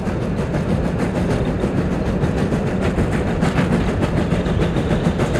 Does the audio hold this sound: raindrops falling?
no